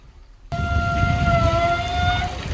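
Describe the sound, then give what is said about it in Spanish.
A beach shower, rusted by sea salt and used to rinse off sand, squeaks: water suddenly gushes on with a steady hiss, and a long, high, wavering squeal rings over it for nearly two seconds before fading while the water keeps running. “De las duchas que encontramos en la playa cuando nos vamos a sacar las arenas para irnos para casa.”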